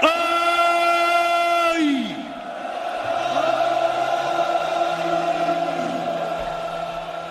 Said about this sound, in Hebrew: עשרות אלפים שצועקים לקדוש ברוך הוא, אוי. קבלת עול מלכות שמיים.